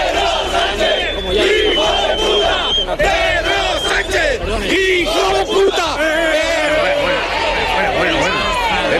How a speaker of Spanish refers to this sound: Esto otro sucedió también en directo en el programa Malas Lenguas. Hay un reportero que intenta hacer una conexión. La gente a su alrededor grita lo que vamos a escuchar y ocurre esto.